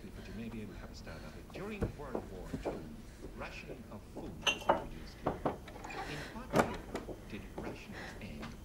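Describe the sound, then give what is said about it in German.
A door opens with a few sharp clicks and knocks of the latch and frame as people come in, while indistinct voices murmur continuously underneath. “Wir sind ja gerade mal zur Tür rein.”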